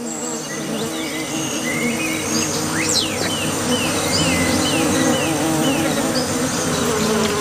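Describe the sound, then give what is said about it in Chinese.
Bees hum and drone steadily around a small puddle of water on the ground on a hot day, a dense, unbroken buzz that fills the whole stretch, with a few faint chirps flickering high in the background. “白脸卷尾猴幼崽冒着被蜜蜂蛰伤的风险，埋头汲取珍贵的水分。”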